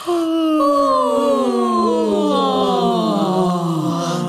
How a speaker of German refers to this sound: Und gähnen.